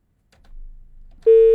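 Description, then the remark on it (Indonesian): A faint low rumble of line noise gives way to a loud, steady electronic telephone tone, like a busy signal after a listener's call to a radio station drops, cut off abruptly at the end. “Ah, terputus sepertinya ya.”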